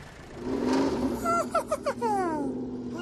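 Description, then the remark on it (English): A tractor engine rumbles steadily, then revs in several quick bursts before its pitch climbs in a drawn-out rev. It sounds fairly loud, with no one talking. “Or Elmo could drive a tractor.”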